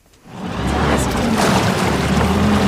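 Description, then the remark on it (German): The engine of a DLRG Rheinfelden rescue motorboat swells up and then holds a steady, loud drone as the boat speeds over the Rhine, with rushing water and spray hissing over the hum. “Die Retter der DLRG Rheinfelden düsen mit ihrem Einsatzboot über den Rhein.”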